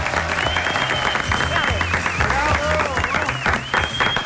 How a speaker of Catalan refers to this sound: ara aplaudiment únicament per tu.